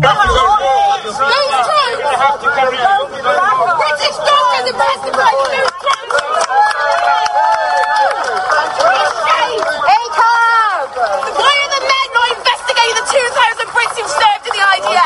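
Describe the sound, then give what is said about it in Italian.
A girl screams at a street protest in support of the pro-Palestine group Palestine Action outside the Royal Courts of Justice in London, her high, strained cries rising in bursts above a dense, loud crowd of shouting and chattering voices that never lets up. “Decine di persone, inclusa la ragazza che avete sentito urlare qualche secondo fa, sono state arrestate dalla polizia oggi fuori dalla Royal Courts of Justice a Londra.”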